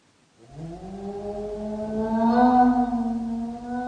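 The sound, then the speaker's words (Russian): A single long dog howl, a drawn-out wail that rises slowly in pitch and swells louder toward the end, heard on its own without any talking. “Вы слышите, Холмс? Это собака.”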